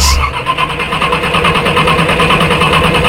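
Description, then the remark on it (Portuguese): A car engine cranks over and over without catching, a steady rhythmic churning from the starter that keeps going loud for a few seconds, with no voices. “Dificuldades para ligar o carro? E demora para ligar o motor?”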